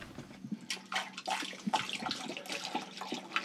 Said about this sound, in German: So, kipp mal Wasser hier rein.